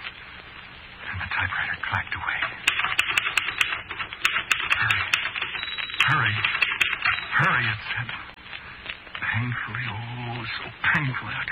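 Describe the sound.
Rapid bursts of typing on a keyboard, sharp key clicks tapping in quick irregular runs, with a voice talking underneath throughout.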